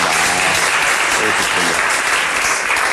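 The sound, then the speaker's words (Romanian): A large audience of the Digi24 show Scos din sărite claps loudly and steadily after news that Cristi Chivu and Inter won the Serie A title, a dense wash of applause that fills the whole stretch without letting up, with faint voices mixed into the crowd noise. “Dacă știam că așa se aplaudă, mai ziceam de astea bunică.”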